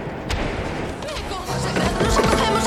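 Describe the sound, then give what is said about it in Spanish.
A woman's heavy fists pound insistently on the huge wooden main door of Notre Dame cathedral, a rapid series of dull, booming thuds over a dense, noisy background. “Al llegar ante la puerta principal de la catedral, la mujer golpeó insistentemente el enorme portón de madera.”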